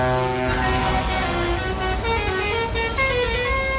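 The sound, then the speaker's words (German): A loud chorus of truck horns from the Mission Teddybär 1.4 truck convoy blares continuously as it sets off in Villach, several overlapping tones honking together over a heavy rumble of engines. “Und als die Herrschaften losgefahren sind in Villach, gab es ein riesengroßes Hubkonzert.”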